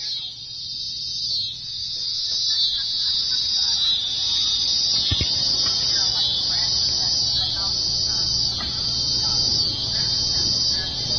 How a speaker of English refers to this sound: So I hear a couple different things. I hear tree crickets in the background. Those are kind of the higher pitched one. Mm-hmm. And that kind of lower scratchy one is one of the species of katydids. So katydids are or bush crickets.